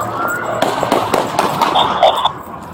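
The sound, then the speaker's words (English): A rapid, irregular burst of sharp gunshots, about six or seven cracks over two seconds, fairly loud and echoing outdoors over a steady background rumble, as police officers fire at a fleeing car in downtown Milwaukee. “The injured officer and two others fired shots back at the vehicle.”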